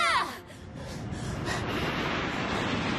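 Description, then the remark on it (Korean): An airplane carrying passengers roars overhead in a steady, broad rushing drone, opening with a brief falling whine before settling into a constant loud wash of engine noise. “갑자기 이게 무슨 소리야? 아 비행기 사람 태우고 슝 날아가는 거.”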